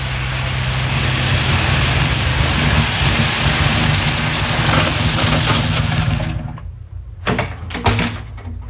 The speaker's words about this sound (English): Can you hear something? A car. And coming from that direction. Must be the police. Yes, you can see the fog lights now.